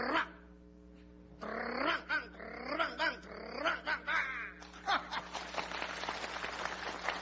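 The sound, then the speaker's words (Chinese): A man's voice imitates a wolfdog barking a greeting to neighbours at the mouth of a hutong, in a rapid, rhythmic series of loud yaps and woofs during a Chinese crosstalk performance, ending in a burst of audience laughter and clapping. “狗叫还带鼓点呢。”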